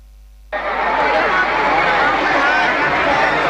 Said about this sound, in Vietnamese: Sân khấu rực sáng, những giai điệu trẻ trung hòa cùng tiếng reo hò của hàng chục nghìn khán giả. Quảng trường Nhân dân tỉnh Lai Châu trở thành điểm hẹn âm nhạc sôi động trong đêm nhạc hội Viettel Wifest năm 2026.